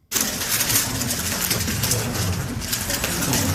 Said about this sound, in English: That's the clicking sound of a Rubik's Cube being speedily solved by a six-year-old.